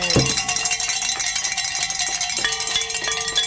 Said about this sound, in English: So look at that. I get to ring my bells again.